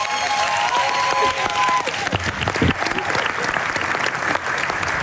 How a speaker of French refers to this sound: que vous pouvez applaudir bien fort.